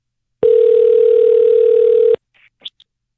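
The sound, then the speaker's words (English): A telephone line tone sounds once as a phone number is called, a loud, steady electronic hum lasting nearly two seconds, then cuts off and leaves a few faint clicks and brief line noises. “I got a phone number to call. Let's do it.”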